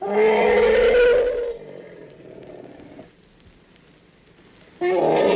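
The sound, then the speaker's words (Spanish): A loud, rough human snore with a raspy, rumbling low tone, followed by a quieter breathy exhale, then a second loud snore starting at the end. No one speaks. “Estos son los ronquidos de algún humano, sí, fijo.”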